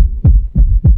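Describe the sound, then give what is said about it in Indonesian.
A heartbeat sound effect: three deep, thudding beats in quick, steady succession, loud, with a low throbbing rumble between them and no voices. “Ini suara detak jantungmu saat tiba di sekolah.”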